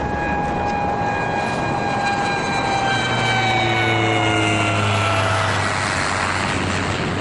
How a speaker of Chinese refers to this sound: 听听，这小鬼子飞机又来了。